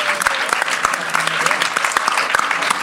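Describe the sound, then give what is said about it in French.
A crowd applauds steadily, dense clapping filling the space at a fairly loud level, with scattered sharper claps standing out and no voices over it. “Sous les applaudissements, une fois de plus.”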